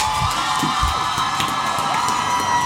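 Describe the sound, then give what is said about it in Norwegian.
A theatre audience cheers and whoops enthusiastically at the end of a play, a dense, steady wall of crowd noise with scattered shouts rising above it, loud and sustained throughout. “Tilbake i teatersalen er stykket over, og publikum er begeistret.”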